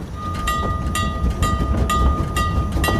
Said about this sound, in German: Oh, der Zug stoppt. Endlich sind wir da.